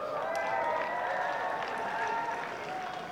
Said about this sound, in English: A few whistles in the crowd.